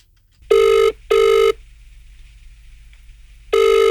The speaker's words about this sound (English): Let's make a phone call to Dudley Park.